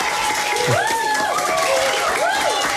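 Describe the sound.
An audience at the Parc Malou school in Woluwe-Saint-Lambert applauds the schoolchildren in a dense, steady wash of clapping, with rising and falling voices cheering and calling out over it throughout the short burst.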